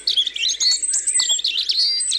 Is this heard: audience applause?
no